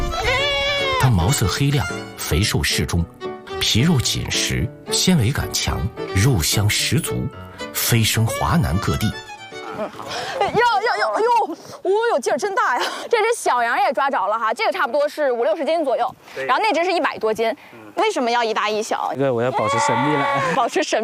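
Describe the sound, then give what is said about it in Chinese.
Several black Xuwen goats bleat over and over in Xuwen County, their wavering cries fairly loud and overlapping one another, with a voice speaking and busy background sound mixed in during the first half. “徐闻山羊，又名徐闻东山羊、徐闻黑山羊。”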